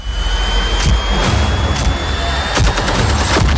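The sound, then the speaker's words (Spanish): Sharp gunshots ring out at irregular intervals, with a tighter cluster near the end, over a loud, steady engine-like drone and a thin high whine, giving a dense cinematic action mix, from the trailer for the film La constelación del perro. “Esta tiene pinta de ser de tiros, coñantes.”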